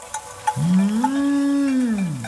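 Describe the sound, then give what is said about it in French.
A cow lets out one long, drawn-out moo, loud, rising slightly then sagging at the end, preceded by a few brief clinking knocks and no talking. The cows are in the mountains. “Le son de la voix parcourt l'air et se propage de montagne en montagne pour arriver jusqu'à l'oreille des vaches.”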